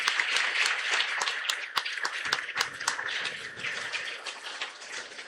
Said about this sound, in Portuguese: mas vamos nos acolher mutuamente com uma calorosa salva de palmas.